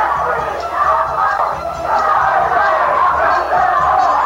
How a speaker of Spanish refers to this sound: Han comenzado aquí en la sala, acaso a distinguir desde la cabina donde estoy, unas mujeres que están gritando de un individuo que trata también de promover desórdenes. Asesino, grita.